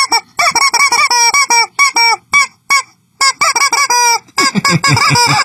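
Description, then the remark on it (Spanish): A chicken squawks loudly and frantically, a rapid string of harsh, honking cries in bursts with a brief pause midway, and no one speaking. “Hoy va a ser el último comentario del pollito.”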